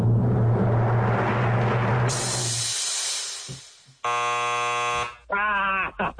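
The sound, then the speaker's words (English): An electronic paper towel dispenser in a bathroom, used after hand washing, whirs with a low motor hum and a rush of hiss, then loud, harsh buzzing tones sound in short bursts toward the end. “Electronic paper dispenser, paper towels.”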